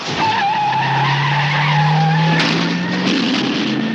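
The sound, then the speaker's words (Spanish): A car peels away at night, about 200 kilometres from Chicago and heading there, with a loud, sustained tire screech, the engine revving up beneath a rising squeal that holds for several seconds, continuous with no talking. “Camino de Chicago, claro que sí, a toda pastilla.”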